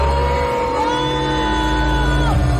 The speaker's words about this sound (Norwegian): De ble møtt av booing fra publikum.